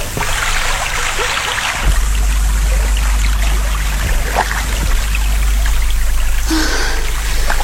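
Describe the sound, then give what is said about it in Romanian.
Water sloshes and splashes steadily as oars dip in at irregular intervals, rowing a fishing boat at nightfall, with a constant low rumble underneath; no one speaks. “De m-ar vedea un cunoscut în această barcă de pescar, vâslind de zor în pragul nopții, nu și-ar putea crede ochilor că sunt soția judecătorului Pai.”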